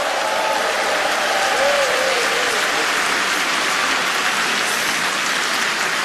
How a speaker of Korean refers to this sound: 여러분, 어린이 합창단을 향해서 다시 한번 네, 뜨거운 박수 보내주시면 어떨까요?